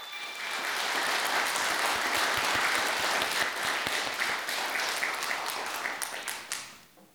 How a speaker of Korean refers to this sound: 익숙한 멜로디로 크리스마스 기분을 물씬 느끼게 해준 하늘빛 병창단 친구들에게 다시 한번 큰 박수 부탁드립니다.